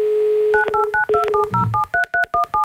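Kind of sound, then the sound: signal or alarm, telephone dialing tones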